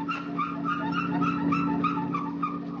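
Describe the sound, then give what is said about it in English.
A family car that needs a lubrication job squeaks and creaks in a steady run of short, high-pitched squeals, repeating about twice a second over a constant low droning hum, with no one talking. “Does your family car ever make noises like this?”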